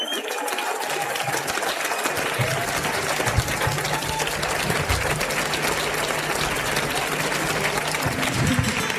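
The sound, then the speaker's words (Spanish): Loud, sustained applause from a crowd, a dense wash of clapping hands that continues steadily for the whole stretch without pause. “Como dirían en México, aplausazo.”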